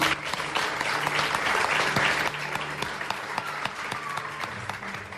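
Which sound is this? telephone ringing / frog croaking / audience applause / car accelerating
audience applause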